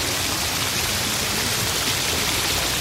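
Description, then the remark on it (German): Steady, dense rain hisses continuously at an even loudness, a broad wash of noise with no pauses and no voices. “Plötzlich kam ein Maikäfer, der auch in den Regen geraten war.”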